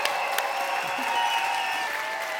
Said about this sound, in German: Und an alle, die ihr schon hier hört, an unser Publikum. Applaus für euch.